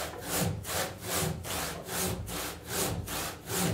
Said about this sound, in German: Und deshalb haben wir die Säge bestellt, so eine ganz dünne Säge. Vorsichtig, damit der Unterdeck wieder zusammengeleimt werden kann.